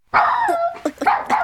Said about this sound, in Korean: 반려견 폴로는 장이 마거릿에게 위협을 가하는 줄 알고 으르렁거렸다.